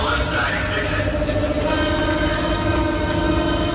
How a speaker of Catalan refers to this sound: És el metro de Berlín en plena onada de calor. Com que cap comboi té aire condicionat, no hi ha més remei que obrir les finestres.